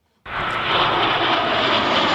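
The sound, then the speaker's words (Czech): JAS-39 Gripen fighter jets roar past overhead, opening the Bahna military show at a Czech army tank range; the loud, dense engine noise bursts in abruptly after a moment of silence and holds steady and powerful to the end. “Další bahna začala průletem stíhaček JAS-39 Gripen.”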